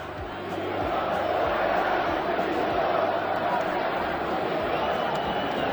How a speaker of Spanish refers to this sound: vamos a hablar en los próximos minutos de los gritos de la afición del Valencia a Corberán